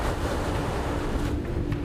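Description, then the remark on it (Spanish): Stormy wind and waves on the North Sea at the port of Emden, Germany, roar in a steady, dense wash with a falling tide and headwind, gusts buffeting the microphone, and no voices present. “El mal tiempo y la tormenta llegaron antes de lo esperado.”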